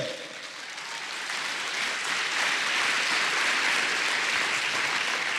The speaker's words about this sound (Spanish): Si va a aplaudir a Dios, dele.